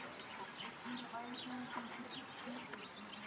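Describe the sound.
Ducks quack in short, scattered calls amid steady splashing and rustling water as they bathe, fairly faint, with indistinct voices murmuring in the background.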